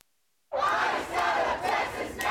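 A Houston community crowd protesting immigration and customs enforcement operations outside a Houston City Council meeting shouts together in loud, sustained, overlapping voices that swell and dip in waves, with sharper bursts of yelling rising above the din.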